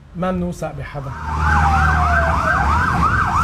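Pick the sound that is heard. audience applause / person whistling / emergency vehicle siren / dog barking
emergency vehicle siren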